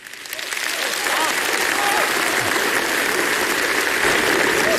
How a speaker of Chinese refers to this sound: 你别说，这观众这掌声是一下比刚才热烈，这招确实好用，挺好。